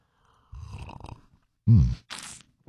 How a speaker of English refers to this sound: All right, got a little coffee, a little juice, a little OJ, whatever you need to get your day off to a good start. It's the Friday morning slurp. You ready? All right, here we go.